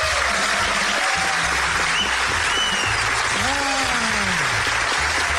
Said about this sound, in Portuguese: Senhoras e senhores, recebam esse aplauso maravilhoso.